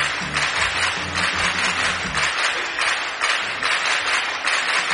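Steady, dense applause on an Es Radio programme for its new technical director, a loud wash of many hands clapping that keeps going for the whole stretch, with a faint low murmur underneath at the start.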